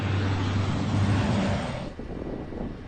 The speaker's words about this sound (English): Right next to the highway, traffic at a standstill, but with their own air show, as emergency teams struggle to keep the flames under control.